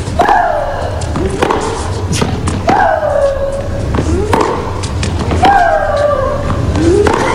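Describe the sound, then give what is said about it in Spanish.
Tennis player Maria Sharapova lets out loud, drawn-out screams, her exhalation accompanying each shot, roughly every two to three seconds, each cry falling in pitch, alongside sharp thwacks of the racket striking the ball. “Pero hay unos que gritan durísimo.”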